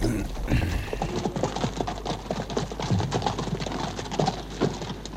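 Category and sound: animal, horse hooves clip-clopping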